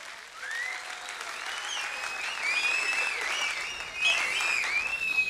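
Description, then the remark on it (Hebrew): A crowd claps steadily for several seconds in a dense, continuous patter, with high whistles and cheers rising over the applause and a brief swell near the end, as the audience applauds at the live broadcast final of a singer and piyyut contest at the culture hall in the Ramot neighbourhood of Jerusalem, Israel. “ואיפה הכפיים? תעשו כפיים.”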